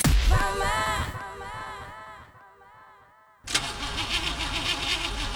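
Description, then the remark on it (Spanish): A car engine that has run out of oil cranks and sputters, struggling to turn over in a labored, uneven whine, then fades out before a second loud, rough attempt bursts in and keeps grinding. “¿Otra vez tu auto fregado? Sí, el aceite se acabó.”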